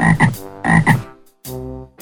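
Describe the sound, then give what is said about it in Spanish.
A frog croaks loudly: two quick pairs of raspy, buzzing croaks, then a longer drawn-out call, with no voices around it. “La rana.”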